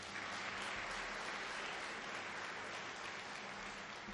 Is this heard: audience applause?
yes